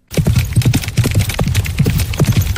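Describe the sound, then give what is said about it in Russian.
Horse hooves pound in a fast three-beat galloping rhythm at horse races, a steady run of loud thuds in repeating groups, with no voices over them. “А на скачках трехтактный галоп.”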